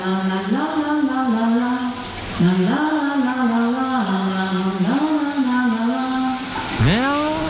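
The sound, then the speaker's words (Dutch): A shower tap runs with a steady, even hiss of water throughout, while someone sings a wordless melody over it in long, sliding notes. “Daar gaat de kraan.”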